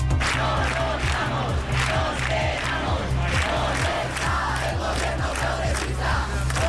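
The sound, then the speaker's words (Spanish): A large crowd at a housing-crisis protest camp in Plaza de Cataluña, Barcelona, Spain, chants in steady rhythmic unison, voices rising and falling in repeated phrases, with a dense wash of many people and no pauses. “Las acampadas se extienden por Sevilla, Málaga, Murcia, Las Palmas de Gran Canaria, Bilbao o Barcelona, donde decenas de personas se instalaron anoche en la Plaza de Cataluña.”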